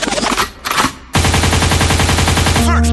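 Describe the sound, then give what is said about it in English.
A loud DJ rewind spinback: music chops into a rapid, stuttering rattle of backward-spinning pulses, ending in swooping pitch glides. It fills the foreground with no one talking. “You requested it, so we rewind.”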